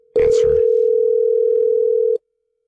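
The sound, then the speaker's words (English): A single steady ringback tone from an outgoing phone call hums for about two seconds, loud, with brief chatter from voices overlapping its start before it cuts off. “Are we calling Erin? She's not going to answer.”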